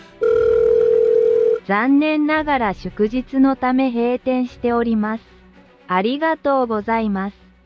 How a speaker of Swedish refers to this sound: Men då var det ju en automatisk telefonsvarare som svarade någonting som jag naturligtvis inte fattade.